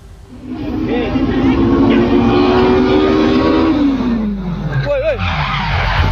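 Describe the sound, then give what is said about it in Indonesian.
A drag race car's loud, sustained engine and tire screech drops in pitch as the car slides out of control during a drag race in Desa Upai, Kota Mobagu Utara, North Sulawesi, Indonesia, with excited voices and crowd noise of roadside spectators rising underneath near the end. “Diduga lepas kendali, mobil salah satu peserta drag race Kota Mobagu Championship 2026 yang digelar hari Minggu di Desa Upai, Kota Mobagu Utara, Sulawesi Utara, menghantam 16 orang yang menonton di pinggir jalan arena balap.”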